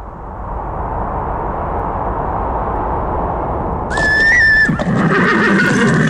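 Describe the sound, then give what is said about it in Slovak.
A steady rushing, wind-like noise fills the background, then a horse that has climbed a snowy hill at a ranch in Sásovská valley, Banská Bystrica, lets out one loud whinny near the end, followed by soft shuffling that may be hoof movement. “Naše kone vyšli až na kopec”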